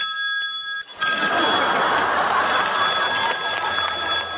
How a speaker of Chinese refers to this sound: 舅，是这手机响。 这是谁手机啊？ 我的。抱歉啊，我把手机给落到这儿。